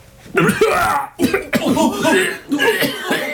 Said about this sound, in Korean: 뒷줄에 서 있는 한 사람이 심하게 기침을 하며 자리에 주저앉았다.